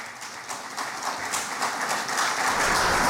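ovation

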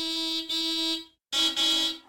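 car horn honking

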